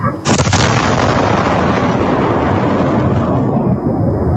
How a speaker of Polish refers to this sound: Była potężna eksplozja, jest kilkunastometrowy lej. Efekt uderzenia słyszymy na nagraniu z kamery monitoringu na jednym z domów.